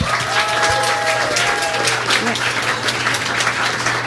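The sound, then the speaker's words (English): A crowd at an evening event at Metronome claps steadily for about four seconds to thank two helpers, a dense, even patter of many hands at a constant loudness, with a low hum and a few faint tonal whistles or voices near the start. “Let's give a round of applause for those two.”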